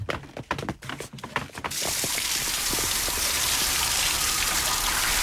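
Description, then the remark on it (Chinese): A few scattered splashes and drips, then a shower in a shower room turns on into a steady, loud rush of spraying water that continues unbroken to the end. No one speaks. “要么我带你到淋浴间冲个澡再走吧。”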